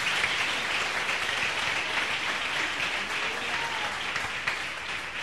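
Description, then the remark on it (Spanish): A crowd applauds the Lord steadily, a dense wash of many hands clapping at an even loudness for several seconds with no voices standing out. “Denle un abrazo, aplauso al Señor.”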